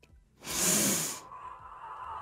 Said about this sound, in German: Warum klingt sie wie Lord Voldemort? Schatz, warum atmet sie?